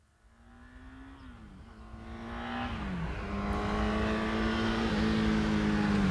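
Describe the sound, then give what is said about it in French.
A car engine approaches steadily, growing louder over several seconds, its tone shifting as it changes gear. No voices are heard. “D'accord, et je lève la main dès que j'entends une voiture.”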